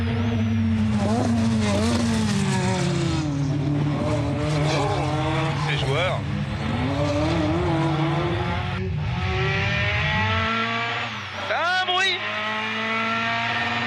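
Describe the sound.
A rally car engine revs hard through repeated gear changes on a short gearbox, its rising and falling drone loud and steady, with brief tire-squeal moments as the tires are warmed and abrupt power causes a slight sideways slide; a man speaks briefly over it.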